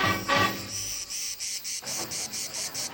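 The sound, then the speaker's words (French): Cicadas sing in a shrill, rhythmic chorus, their high buzzing rising and falling in quick regular pulses, steady throughout, with no voices. “J'avais pensé que les étoiles n'avaient jamais entendu le chant des cigales.”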